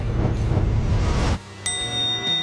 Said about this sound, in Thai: ได้ยินเสียงระฆังอ่ะตอนนี้เราเริ่มปฏิบัติภารกิจแล้วครับ